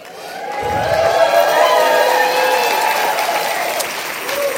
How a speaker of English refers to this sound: Just by hearing that applause,